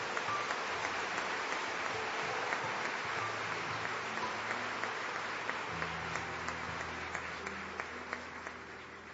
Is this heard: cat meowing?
no